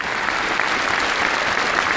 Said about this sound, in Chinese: 感谢大家伙热烈的掌声。